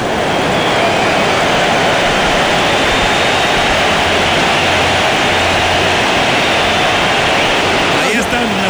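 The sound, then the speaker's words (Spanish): A stadium crowd applauds Quiñones as he leaves the field, substituted by Alexis Vega of Mexico: a loud, dense wash of clapping and cheering that holds steady for the whole stretch without letting up. “Bueno, pues Alexis Vega, el 10 de México, va a entrar al terreno y sale Quiñones, le van a aplaudir y lo escuchamos, metió el primer gol.”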